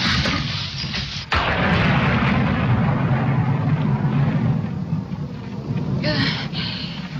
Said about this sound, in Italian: Certe volte io ho molta paura di lampi. È una scarica atmosferica, nient'altro. Oh. Niente di cui impaurirsi.